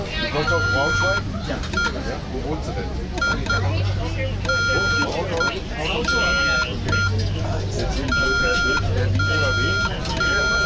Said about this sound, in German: Morsen machen nur noch die Funkamateure und das Militär. Die Marine zum Beispiel. Und das Morsen gehört zum Weltkulturerbe. Und wir als Funkamateure halten das aufrecht.